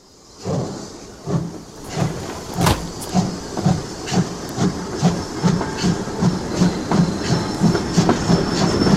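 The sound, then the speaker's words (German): A train arrives at a railway station with a steady clickety-clack of wheels over rail joints, a regular rhythmic thumping under a hissing wash of noise and sharp metallic clanks, fairly loud, with no voices. “Wir gehen zum Bahnhof.”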